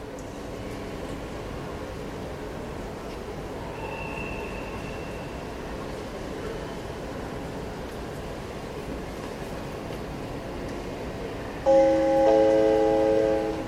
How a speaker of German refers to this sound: Meine Damen und Herren an Gleis L, bitte steigen Sie ein. Vorsicht an den Türen und bei der Abfahrt des Zuges.